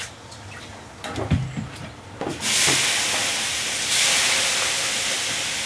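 A few wet splashes and clinks as more water is thrown onto the hot sauna stones, then a sudden loud, sustained hiss of water vaporizing, filling the sauna with steam, steady, swelling once more before fading slightly.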